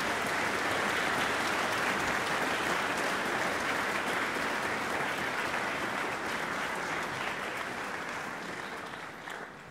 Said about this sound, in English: could we give her a round of applause for all of her hard work?